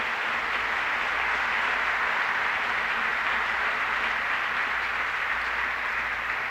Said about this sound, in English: Kind of, ladies and gentlemen, how about let's get together and give the whole show a big round of applause. I think they worked the devil out of them,